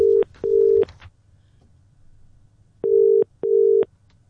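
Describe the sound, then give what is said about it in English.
Telephone line tones sound through a handset as a phone call is placed, in two pairs of steady, even-pitched pulses separated by a short pause. The tones are clear and prominent, with no voices. “Let's make the phone call.”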